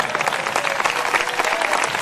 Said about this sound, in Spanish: Denle un aplauso fuerte al Señor en esta hora.